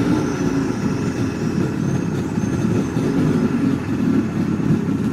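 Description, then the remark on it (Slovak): A motorboat engine drones steadily and loudly, a continuous low rumble with a churning texture that holds without pause from start to finish, and no one speaks. “Čaute, je to zvuk z motorového člna.”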